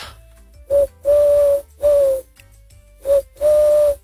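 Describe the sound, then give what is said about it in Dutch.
A person imitates a collared dove into a bird-identification app, giving five hollow, breathy coos in a rhythmic short-long pattern, fairly loud, with near silence between the calls. “Hij denkt dat ik een Turkse tortel ben.”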